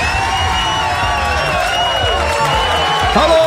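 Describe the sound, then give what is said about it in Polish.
A crowd cheers and applauds steadily for a few seconds, a loud, dense wash of clapping mixed with excited voices and high whoops, with no speech above it. Played on Radio SK as applause for a family winning a four-person invitation to Energylandia. “Chyba nawet brawo!”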